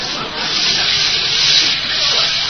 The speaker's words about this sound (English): Well, now for a nice hot shower and then to bed. Well, let me reach behind the curtain here and turn on the water. I'll let it get good and hot.